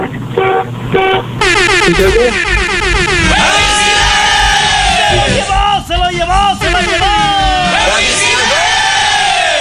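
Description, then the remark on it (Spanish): Three quick, loud car horn honks sound at the start, then a dense burst of crowd noise with shouting and sweeping, wailing tones takes over. “Mi rey, tres claxonazos para que puedas ganar, apá.”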